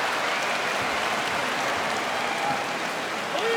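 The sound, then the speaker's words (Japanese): A large crowd inside a sumo arena applauds steadily on the middle-day Sunday of the tournament, after the Shonosaru–Ura bout was ruled a rematch; a dense, hissing wash of clapping that stays loud and even throughout, with no voices standing out. “中日日曜日の館内この拍手、好成績同士の一番は取り直し、非常に微妙な一番だっただけに、この判定というのはどうでしょう、両者納得ですかね。”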